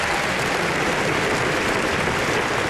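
A crowd applauds a political speech pledging that VAT will disappear from electricity bills, in a steady, dense wash of clapping that stays loud and even throughout, with no voices rising above it.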